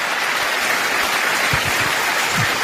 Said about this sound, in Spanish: Si ese aplauso es para el Señor, tendría que ser mejor que eso.